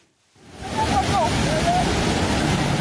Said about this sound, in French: Un matin brumeux, un bateau glisse doucement sur les eaux calmes du lac Bunyoni dans l'ouest de l'Ouganda.